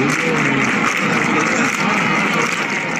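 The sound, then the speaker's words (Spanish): Flamenco palmas clapped by a dense crowd in a bulerías pattern as the Virgen del Rocío visits the Casa Hermandad del Rocío de Jerez in the village of El Rocío, a steady loud wash of hand claps blending with voices and cheering, with no pauses across the stretch. “que es el momento en el que la Virgen del Rocío ha visitado la Casa Hermandad del Rocío de Jerez, allí en la aldea, con palmas por bulerías.”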